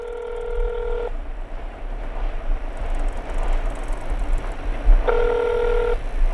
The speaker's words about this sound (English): My phone rang.